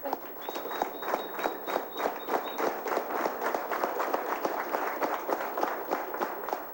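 A crowd applauds steadily for several seconds, dense clapping at moderate loudness with no pause, and a faint high whistle-like tone briefly rising above it near the start.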